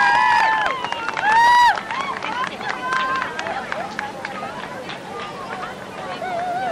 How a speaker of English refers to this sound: Big round of applause for Fosforo!